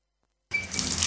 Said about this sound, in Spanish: Una ducha.